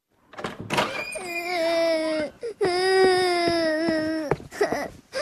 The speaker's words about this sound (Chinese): 别哭了，别哭了啊！来来来，爸爸给你擦擦眼泪。